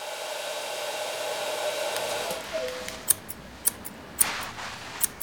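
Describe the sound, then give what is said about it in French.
A hair dryer hums steadily in a salon, its whirring drone filling the room, then a few sharp metallic snips of scissors click through in the second half. “Écoute, tu entends le ronronnement du sèche-cheveux?”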